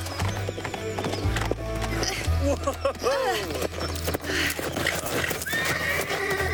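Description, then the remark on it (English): A tired horse whinnies with rising, wavering cries amid a steady clatter of hooves, loud, with a low rumbling drone underneath throughout. “Why do you hold on to my horse so? Clearly, your horse is tired.”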